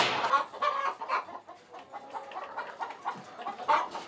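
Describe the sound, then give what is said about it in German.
Several chickens cluck in their coop in a steady, overlapping stream of short calls, with a few louder squawks standing out and no one speaking. “Dass die Hühner halt immer den Reflex haben, hier wieder herzukommen und nicht draußen irgendwo im Gras die Eier legen.”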